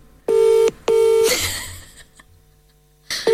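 A phone call dialing out on speakerphone: loud, buzzy ringing tones in a quick double pulse, a short pause, then the next ring starting, with nobody talking.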